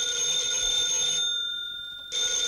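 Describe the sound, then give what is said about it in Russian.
A telephone rings with a steady electronic ringing of bright, sustained tones, cutting out briefly before resuming, as someone calls in with new requests. “Мы еще не выполнили те заявки, а уже видно, к нам звонят с новыми.”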